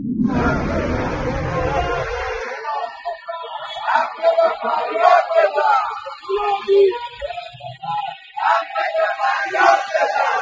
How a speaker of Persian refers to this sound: روز یکشنبه پنجم مهر بازنشستگان فولاد اصفهان فریاد می‌زدند: فولادی داد بزن، حق تو فریاد بزن.